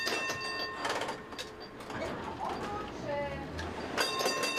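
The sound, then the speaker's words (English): A tram rumbles along city tram tracks in use for over 140 years, on one of Europe's oldest networks, with a steady low roar, metallic squeals and clanks rising and fading, some high-pitched wheel screeches, while faint voices murmur in the background. “These tram tracks have connected the city for over 140 years.”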